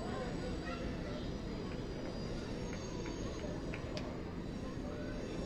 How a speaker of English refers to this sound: Well, we got to look earlier at the little train coming through the concourse. There's our friend, the normal train that pays us a few visits throughout our broadcasts.